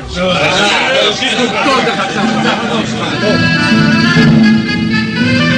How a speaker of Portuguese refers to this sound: Enquanto as autoridades da Palestina discutem o futuro do prisioneiro, pressionadas pela multidão enfurecida